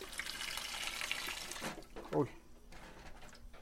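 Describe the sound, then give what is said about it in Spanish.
Cold water is poured over pacaya palm flowers in a steady splashing stream for about a second and a half, then cuts off, followed by a brief voice and quiet background noise. “Ahora le vamos a tirar el agua a nuestras pacayas para que se nos haga más fácil la limpiadita de la cáscara.”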